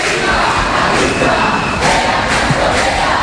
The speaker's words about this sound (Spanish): Mira, veo como 2 señoras de la limpieza se han asomado a una de las casas y todos les gritan con los puños en alto. Viva la clase obrera.